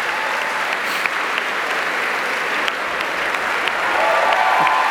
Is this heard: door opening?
no